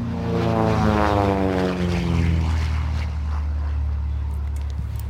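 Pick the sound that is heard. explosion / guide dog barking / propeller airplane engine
propeller airplane engine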